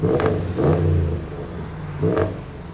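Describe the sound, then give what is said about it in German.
A car engine revs hard in three loud bursts, its deep exhaust roar rising and falling, with a steady idle rumble between the revs, during an exhaust noise measurement; the car has an undersized middle silencer and measures 94 decibels, 9 over the allowed 85. No voices. “Dazu ergibt die Lautstärkemessung, aus dem Auspuff kommen mehr Dezibel als erlaubt.”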